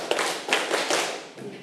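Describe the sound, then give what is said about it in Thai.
A group of children clap their hands five times at their teacher's call, to show they are ready for the activity, in a quick, slightly uneven rhythm. The claps are loud and blended together, with no talking. “ถ้าใครพร้อมที่จะทำกิจกรรมแล้วปรบมือ5ครั้ง”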